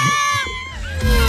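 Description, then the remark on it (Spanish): A crowd shouting together, a loud, steady wall of raised voices with sustained, chant-like tones that swell slightly near the end. “Mira lo que grita la gente, mira.”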